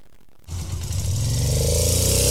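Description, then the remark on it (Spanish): A motorcycle engine, a Suzuki DR150, starts up after a brief quiet moment and revs loudly, its rumbling tone rising and holding steady with a rough, buzzing edge. “Óigala, óigala cómo suena, ¿ah? ¿Ah? La Suzuki DR150, señoras y señores, APS,”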